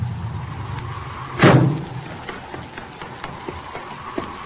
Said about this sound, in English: Hey, listen. Here comes a car.